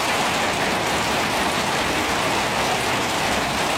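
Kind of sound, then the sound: nature, rain falling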